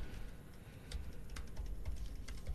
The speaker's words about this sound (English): Hear that typing?